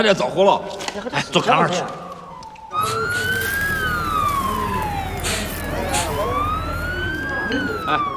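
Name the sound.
fire engine siren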